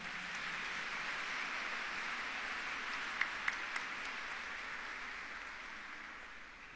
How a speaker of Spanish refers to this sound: Muchísimas gracias a cada uno de ellos. Un fuerte y caluroso aplauso.